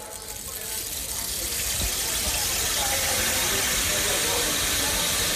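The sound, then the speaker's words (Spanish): A rain stick, moved from side to side as a theatre sound effect for rain, pours out a dense, steady rush of tiny rattling pellets that swells over the first second, then holds as a continuous rain-like hiss with no voices. “Por ejemplo, pensemos en las máquinas de lluvia, lo que se llama el palo de lluvia.”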